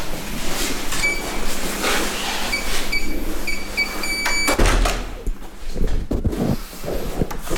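A wooden door to a historic library room is pulled open with a long, drawn-out creak, then lands with a heavy thud, followed by rattling and shuffling.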